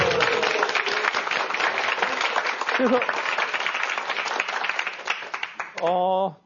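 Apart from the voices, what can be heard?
audience applause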